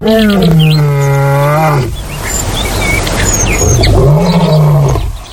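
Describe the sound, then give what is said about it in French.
A lion roars twice in long, deep, drawn-out calls, loud, separated by a rough, breathy pause, with faint bird chirps in the background. “Une horde de lions est dominée par un lion mâle, de plusieurs lionnes et de lionceaux.”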